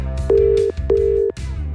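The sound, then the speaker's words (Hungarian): A phone line rings out with two steady, mid-pitched ringback tones, each about half a second long with a short gap between, over a low, muffled background, as a Petőfi Rádió host calls a listener during a live request show. “Ha valakinek szeretné a meglepetést okozni a rádióban, egy igazi, hatalmas meglepetést, akkor add meg a telefonszámát, én pedig felhívom őt.”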